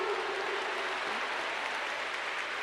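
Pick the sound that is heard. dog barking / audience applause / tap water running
audience applause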